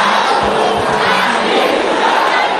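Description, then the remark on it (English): A crowd of women at a prayer session shouts together in a loud, sustained roar in response to a call to shout with fire, many voices blending into a dense, energetic wall of sound for a few seconds with no break. “Sisters, can you shout it with fire?”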